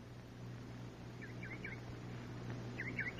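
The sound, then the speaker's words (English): A bird calls in two short bursts of quick, warbling notes, separated by a pause, over a steady low hum. The calls are moderately faint. “No. That's a bird.”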